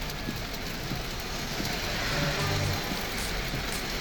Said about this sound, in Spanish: Sí, está lloviendo para estos lados. Así llueve. Yo me tuve que detener porque está lloviendo demasiado. Muy fuerte.